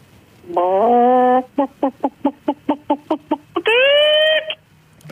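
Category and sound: vocal imitation, person imitating a chicken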